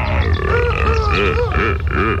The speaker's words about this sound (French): Ça y est, nous sommes dans la savane. C'est le pays des animaux. Je m'approche doucement d'un couple de lions et de lionnes. Oula, ils crient. Ils vont s'accoupler. Écoutez-les.